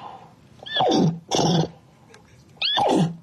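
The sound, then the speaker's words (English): A woman imitates a horse neighing: three loud whinny-like bursts, two quick ones followed by a third after a short pause, each sliding down in pitch. No talking. “Would you like to hear her speaking neigh?”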